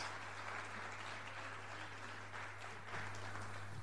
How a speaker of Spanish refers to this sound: Y vamos a dar un aplauso al Señor y a los hermanos que nos van a ayudar aquí.